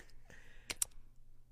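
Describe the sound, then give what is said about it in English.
Two quick, crisp clicks in close succession, a computer mouse button pressed twice, played as a sound effect, against a quiet, faintly humming background. “it's a mouse clicking”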